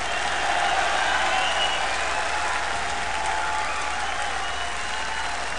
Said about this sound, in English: We'd also like to thank …. Would you please give them a hand of applause?